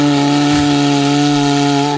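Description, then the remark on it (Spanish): A cuerno bocinero (horn) is blown in one long, loud, steady blast of about two seconds, a low droning tone with a breathy hiss that sounds a bit like a cow mooing, then it cuts off. “Bueno, suena a vaca.”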